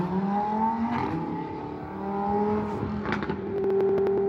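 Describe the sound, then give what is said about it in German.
Loud street traffic in the Überseestadt at the weekend, with revving car engines, their pitch rising and falling in steady drones, and short bursts of honking and clatter toward the end. “Es kommt da hinzu, der Lärm, also die rollenden Discos, die rollenden Bassboxen, das Gegröle, das Gehupe.”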